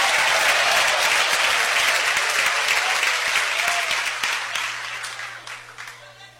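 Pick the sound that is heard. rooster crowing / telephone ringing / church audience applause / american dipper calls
church audience applause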